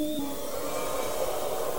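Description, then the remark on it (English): A voice imitates the noise of ghosts (Gespenster) living in a house: a long, breathy, ghostly whoosh, a steady airy hiss with a faint hollow tone at the start, held evenly at moderate loudness for about two seconds with no talking. “And this is the sound of your Gespenster living in your house.”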